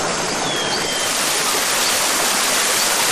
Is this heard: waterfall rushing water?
yes